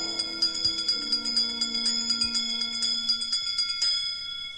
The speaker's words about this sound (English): Wizards and witches, wherever you dwell, give us a hint by ringing a bell.